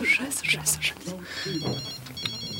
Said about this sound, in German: Das Klingeln des Handys musste aus ihrer Handtasche kommen. Aber wo war das verdammte Ding?